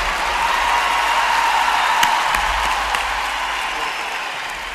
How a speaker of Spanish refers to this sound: Fuerte aplauso